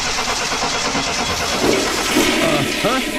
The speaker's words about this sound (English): Hey, thanks for taking a look at my car so quickly. Okay, start it up.